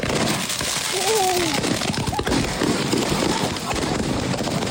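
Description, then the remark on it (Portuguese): Firecrackers burst in a bonfire, a rapid string of sharp pops and crackles over a constant roaring hiss, with a brief high vocal cry near the start. “Já não, tá tudo meteu um dentro da fogueira. Vai começar a explodir.”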